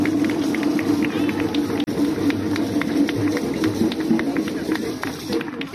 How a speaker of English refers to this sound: My sister, let us give you a hand of applause for this wonderful job that he's doing.